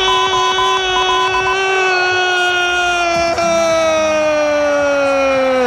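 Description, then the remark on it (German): A single loud, sustained siren-like wail holds for several seconds, its pitch sliding slowly downward, over a steady wash of crowd noise celebrating in Spain at night after Spain beat Argentina 1:0 in the football World Cup final. “Nach dem Abpfiff kannte der Jubel in Spanien natürlich keine Grenzen mehr.”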